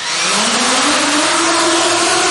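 An FPV drone, the kind likely to hunt people, flies with a loud, steady high-pitched buzzing whine, its motor pitch slowly climbing as it speeds up, with no voices for the whole two seconds.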